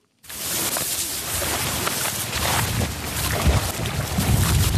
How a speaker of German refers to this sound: Der Wind fährt durch das Goldgelb der Schilflandschaften, die das tiefblaue, schier endlos weite Wasser rahmen.